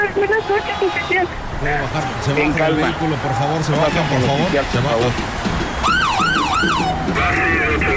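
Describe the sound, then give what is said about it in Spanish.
A police patrol car siren wails as the car arrives, in quick rising-and-falling sweeps toward the end, loud, over a busy background where people are talking. “Ah, ya llegó la patrulla.”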